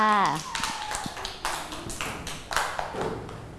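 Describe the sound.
Children in a class clap for a classmate at the teacher's request, in loose, scattered bursts, the sharp slaps irregular and uneven rather than a steady round, following a brief voice at the start.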